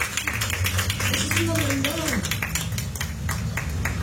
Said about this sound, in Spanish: Vamos, oh, ya se le va dando una ofrenda de palmas al Señor.